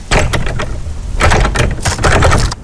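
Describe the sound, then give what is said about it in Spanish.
Loud, rapid, violent pounding on a padlocked door comes in three frantic bursts of heavy, rattling blows that shake the whole door and make the padlock vibrate, with brief pauses between the flurries and no voices. “Los golpes se hicieron violentos.”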